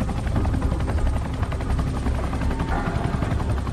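Loud, steady helicopter rotor noise, a continuous rapid thudding chop over a dense roar, filling the whole clip with no voices, from a helicopter trying to hoist a capsule out of the water and kicking up a huge amount of water.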